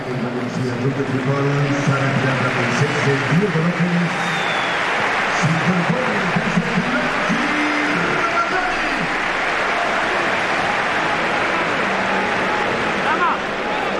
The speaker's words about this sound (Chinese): 现场的观众呢，也是给了迭戈洛佩斯和拉马扎尼掌声。